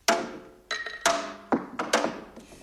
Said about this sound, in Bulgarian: Чакай, чакай, сети се, ще хвърля камъче. А, браво.